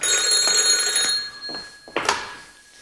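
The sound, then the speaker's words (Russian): A telephone bell rings loudly and steadily for about a second, then cuts off, followed by a couple of short knocks and rustles. No one speaks. “подойди к телефону.”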